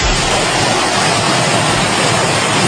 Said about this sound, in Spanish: La riada en forma de bolas de granizo, imagen en concreto desde Nerpio, en la provincia de Albacete, donde las temperaturas llegaban a caer hasta 17 grados de golpe, que ríete tú de eclipse, por las fuertes tormentas